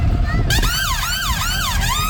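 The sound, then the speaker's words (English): A fire engine siren wails loudly, cycling rapidly up and down in a steady yelping rhythm over the low rumble of an idling engine. “What noise does a fire engine make?”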